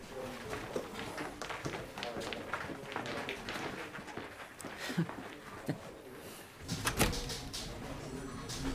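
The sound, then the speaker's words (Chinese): Shuffling movement and scattered clatter lead up to a door flung open without a knock, with a loud bang near the end, with faint voices murmuring in the background. “你不会敲门吗？”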